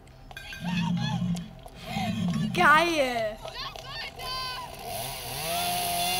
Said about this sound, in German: Ist das eine Kettensäge?